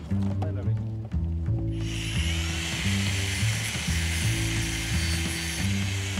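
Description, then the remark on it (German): An angle grinder whirs to life about two seconds in and keeps running steadily, a loud, hissing whine layered over a low, pulsing mechanical rumble. “bring mal die Flex. Die Flex.”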